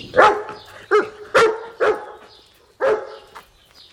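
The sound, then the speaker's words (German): Kalle, the farm family's young dachshund, barks five times outside the henhouse in sharp, irregular bursts, loud, with short pauses between the yaps and no talking. “Da bellte es plötzlich draußen.”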